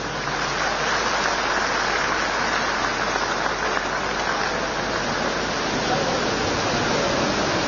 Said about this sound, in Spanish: Por favor, con un fuerte aplauso, recibimos a nuestra hermana